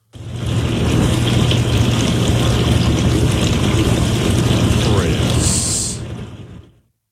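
A dishwasher runs with a steady, rushing swish of spraying water over a low, constant motor hum, holding loud and even for about six seconds before cutting off and fading.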